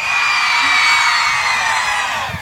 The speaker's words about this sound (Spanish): Ya, a la cuenta de tres entonces. El grito de todas las mujeres. Uno, dos, tres.